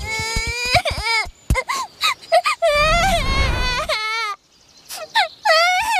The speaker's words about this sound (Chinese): 好像有人在哭，走，看看去。